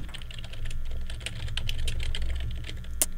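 Steady, rapid computer keyboard typing while looking something up, many crisp clacks in an irregular rhythm, a slightly sharper keystroke near the end, over a low background hum with no voices.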